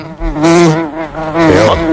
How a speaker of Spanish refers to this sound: Mosca. Sí, es una mosca.